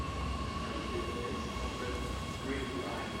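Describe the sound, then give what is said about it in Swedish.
A commuter train in Stockholm rumbles steadily along rail tracks while construction work on the Citybanan line goes on, a dense, continuous roar with a faint metallic whine running through it, for a few seconds. “Tågen står inte stilla trots att arbete pågår.”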